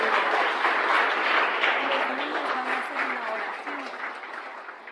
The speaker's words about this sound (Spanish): Dale el aplauso al Señor, gloria a Dios.